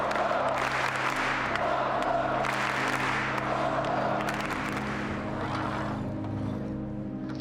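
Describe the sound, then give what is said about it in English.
A large crowd applauds and cheers at an athletics meeting as Mondo Duplantis wins the pole vault with a meeting record of 6 metres, a dense, steady roar of clapping that holds for several seconds over a low rumble, easing slightly toward the end. “And Sam Kendricks, to his credit, applauds and just shakes his head as if to say, what can you do against this sort of genius?”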